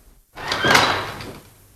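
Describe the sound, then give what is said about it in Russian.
An unlocked door of a home is pushed open with a single drawn-out scraping swing lasting about a second, moderately loud, then quiet. No one speaks. “Дверь толкни.”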